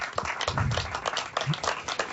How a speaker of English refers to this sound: Clap for Jesus right now. Give him some praise today.